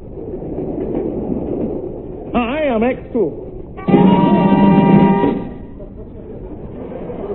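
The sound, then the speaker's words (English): A train to London rumbles steadily along the rails, its rhythmic clatter running throughout, while a loud wavering whistle sounds briefly and then a longer, steady whistle blast rings out before the rumble carries on. “I'd hardly got on board the train to London when I had the uneasy feeling I was being watched.”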